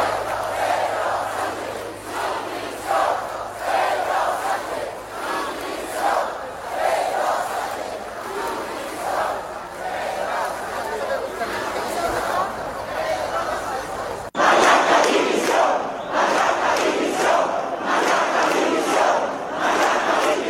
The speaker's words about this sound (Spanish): Se escucharon gritos pidiendo la dimisión de Pedro Sánchez y de Marlaska.